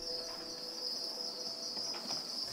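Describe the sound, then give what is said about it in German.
Grasshoppers chirp in a dense, continuous high-pitched drone, many insects trilling at once, with faint soft rustling underneath and no voices. They are in the feeder-insect breeding room of the Frankfurt Zoo Exotarium and are bred as food for bearded dragons and frilled lizards. “Das sind Heuschrecken.”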